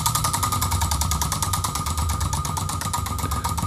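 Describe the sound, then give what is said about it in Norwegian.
A prize wheel of fortune ticks as it spins for a gift-card giveaway, a rapid, steady stream of sharp clicks running evenly throughout over a low, continuous rumble, with no one talking. “Jeg vet ikke om du hører lyden, at det tikker litt.”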